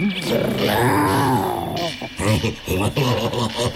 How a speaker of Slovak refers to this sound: Čo to? Ona tuším vrčí.